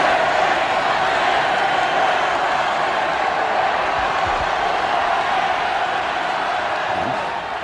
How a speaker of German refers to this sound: Nach dem Ausschluss empfingen den Sportler bei seiner Ankunft hunderttausende Menschen am Wiener Ballhausplatz. Und jetzt, Sie hören es, tritt Karl Schranz auf den Balkon. Die Menge jubelt ihm begeistert zu.